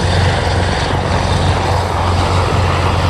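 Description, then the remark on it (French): A Dash firefighting turboprop plane, which dropped fire retardant on a wildfire near Montcuzel, drones loudly overhead, its propellers producing a steady, low throbbing hum over a broad roar of engine noise that holds constant throughout, with no voices. “Tout ça grâce à deux largages de produits retardants d'un avion Dash et aux allers-retours incessants d'un hélicoptère chargé à chaque fois de 2000 litres d'eau.”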